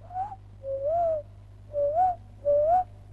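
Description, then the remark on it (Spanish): A person whistles an imitation of a small dove's call: four soft, rising-and-falling cooing phrases in a steady rhythm, moderately loud over a low background hum. “Soy una urpilita.”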